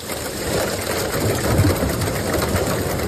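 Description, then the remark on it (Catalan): Heavy rain mixed with falling hail in the evening at Sant Pau de Segúries, in the Ripollès: a dense, steady roar of drumming peppered with sharper rattling impacts, holding at an even loudness throughout with no voices. “Així sonaven les precipitacions acompanyades de pedra aquest vespre a Sant Pau de Segúries, al Ripollès.”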